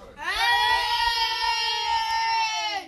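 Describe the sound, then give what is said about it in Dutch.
A group of children at Brekhouten Kozijn roars loudly in one sustained, high-pitched shout lasting nearly three seconds, rising at the start and tapering off at the end, with no speech over it. “Jongens, kunnen jullie nog even hard zo hard brullen als net?”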